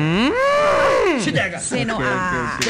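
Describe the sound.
A cow lets out one long, loud moo close by, rising and then falling away, and voices start talking right after it.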